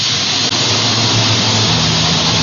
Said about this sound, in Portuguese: Ó, escuta aí o chiadão dessa panela de pressão, hein? O que será que tem na panela do padre hoje?